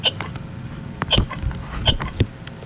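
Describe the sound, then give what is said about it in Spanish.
Several short, sharp hiccups, about four, sound fairly loud at irregular intervals, each a quick gulping catch of breath with a brief squeaky edge. “uno de ellos se enfermó y comenzó a lucir y un hipo no lo dejó hablar.”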